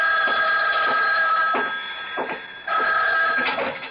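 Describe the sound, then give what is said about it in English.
A telephone bell rings loudly in two long, rattling bursts separated by a brief pause, with no voices present. “But before I could follow the thought through, the phone rang.”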